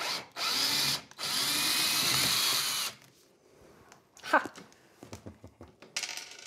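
A cordless screwdriver, used while fitting out a room that is becoming a large kitchen, whirs loudly in a short burst, pauses briefly, then runs steadily for about two seconds before stopping, followed by a few light clicks and metallic clatters.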